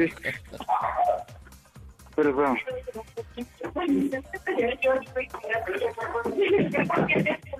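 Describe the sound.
A dog barks repeatedly in short, sharp bursts while people talk over it, the barking persistent throughout.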